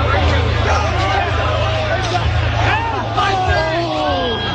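Loud, dense crowd noise from an unsanctioned off-campus homecoming party near Guelph University that drew thousands: many voices shouting and chattering over one another in a continuous roar, with a steady low rumble underneath and no single voice standing out.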